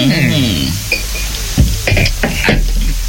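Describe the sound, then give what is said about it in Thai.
A few light, bright clinks of drinking glasses tapped together in a toast in quick succession, after a voice at the start, with faint clattering and background noise underneath. “มาชนแก้วกันหน่อย”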